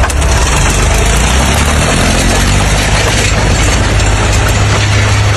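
A tractor engine idles steadily, its loud, low diesel rumble holding an even, vibrating drone throughout with no speech over it; the tractor, pulling a plough, was driven onto freshly laid asphalt in the Ostropa district of Gliwice.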